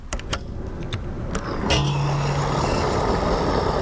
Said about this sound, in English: I'm here at the gas station right now, and if you, like many Americans, fill up your car with gas, you know